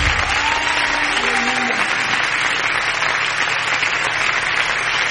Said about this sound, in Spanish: vas a dar palmas al Señor, dáselas con todo tu corazón.